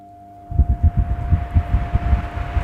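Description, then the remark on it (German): A large electric fan switches on at its lowest setting (level 1), giving a low, steady rumble with a rapid, regular thumping pulse over a faint constant hum. “da hat uns unser Chef einen wunderbaren, großen, schönen Ventilator hingestellt und da habe ich neulich was Besonderes entdeckt an diesem Ventilator.”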